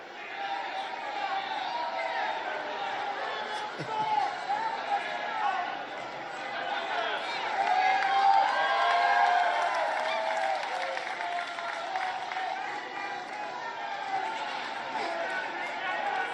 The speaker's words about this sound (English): And listen to those bloodthirsty screams.